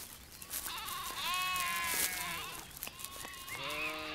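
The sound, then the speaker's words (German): Several sheep, grazing insect-rich dry grasslands from spring to autumn to keep them from being overgrown, bleat in overlapping, wavering cries, some higher and some lower pitched, calling repeatedly over a steady outdoor background with no one speaking. “Damit die insektenreichen Mager- und Trockenrasen nicht von Büschen oder schnell wachsenden Pflanzen wie Brennnesseln überwuchert werden, sind die Schafe vom Frühjahr bis in den Herbst im Einsatz.”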